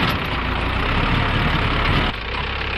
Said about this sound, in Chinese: 这一天，肖丽正开着自己改造的山地拖拉机翻耕土地